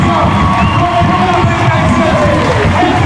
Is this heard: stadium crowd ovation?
yes